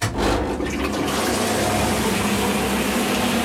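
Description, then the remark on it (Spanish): A loud grinder churns wet paper pulp for handmade paper, its motor humming steadily beneath a dense rush of sloshing water that carries on without pause. A wooden fork is used to keep it from jamming in the grinder, and plenty of foam forms because no antifoam was added. “Para que no se atasque en la muela.”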